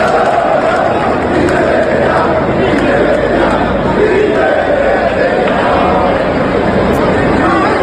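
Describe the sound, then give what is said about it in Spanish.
A large stadium crowd shouts and roars in sustained indignation, a dense, loud wall of voices with angry cries rising and falling throughout and no quiet gaps. “Estos gritos de Peter Betellá, de estos gritos de indignación, pues tenemos la memoria llena, Colletti.”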